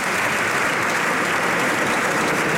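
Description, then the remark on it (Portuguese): Sustained applause from the PSD parliamentary bench for PSD deputy Dulcineia Moura after her speech, a dense steady patter of many hands clapping at once, loud and unbroken throughout with no voices standing out. “Dulcineia Moura, deputada do PSD, a receber os aplausos da bancada, claro.”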